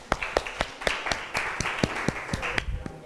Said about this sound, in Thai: เดี๋ยวเรามาฟังตัวแทนจากกลุ่มที่4กันค่ะขอเสียงปรบมือดังๆเป็นกำลังใจให้เพื่อนของเราหน่อยค่ะ